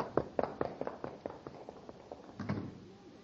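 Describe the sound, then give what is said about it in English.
Quick, evenly spaced footsteps of two men hurry across a hard floor as they run out the rear door, fading slightly, then a heavier thump near the end like a door banging. No one speaks. “Two men knocked the commander out. They ran out the rear door.”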